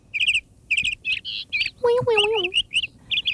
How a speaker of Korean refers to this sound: 이 새소리 오늘은 조금 혹시나 음악을 집중하다 보면 이 새소리가 쭉 놓칠 수도 있을 것 같은 기분이 드는데 잘 집중해서 들어보시 바랍니다. 이 카나리아 새소리가 들어간 노래 제목을 맞춰주시면 돼요.